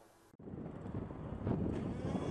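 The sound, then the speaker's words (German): A rough, steady roar of radio-controlled model racing powerboat engines on the Adria lake at Strandbad Adria, Dessau-Mildensee, Germany, during the RC Powerboat Meeting of MSC Elbe Dessau, swelling slightly after a brief dropout, with gusty wind rumble over the microphone and no voices. “Von Donnerstag bis Sonntag flitzten pfeilschnelle Modellrennboote übers Wasser der Adria.”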